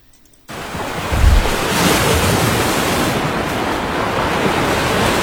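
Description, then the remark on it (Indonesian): Before dawn, with thin mist over the north coast of Tuban, Indonesia: after a brief silence, waves crash onto the beach in a loud, continuous roar of surf, with a heavy low thump near the start and steady wash and hiss throughout. “Sebelum fajar menyingsing saat kabut tipis masih menyelimuti pesisir pantai utara Tuban”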